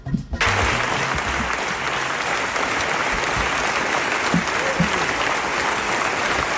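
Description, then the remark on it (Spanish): Sustained ovation from a large crowd for a documentary about Israel's massacre in Gaza, with Yuval Abraham and Rachel Zor standing; the uninterrupted ovation lasted 25 minutes. A dense, steady roar of clapping starts abruptly and continues at an even loud level without pause. “Aplausos y más aplausos.”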